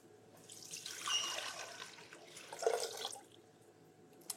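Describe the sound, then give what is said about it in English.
Two cups of water pour steadily into a container for a few seconds as the first ingredient of an apricot ginger sauce, a broad splashing rush that swells and fades, with a small clink near the end. No one speaks. “So the first ingredient is 2 cups of water.”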